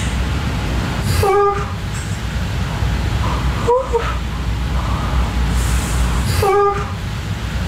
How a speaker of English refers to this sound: I sound like a puppy that's having like a dream and, you know, it's like trying to like, it looks like they're chasing something in their sleep.